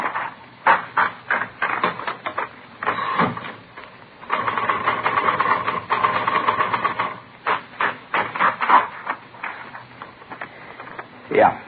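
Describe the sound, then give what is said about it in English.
Keys clatter on a manual typewriter in quick bursts of sharp mechanical clicks, with a steadier rattling run in the middle, fairly loud. A test sample is being typed in a police forgery division to compare against a forged letter. “No, this isn't the typewriter we're looking for.”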